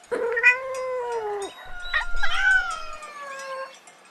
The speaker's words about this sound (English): Cat. This is a cat. Cat. What does a cat say?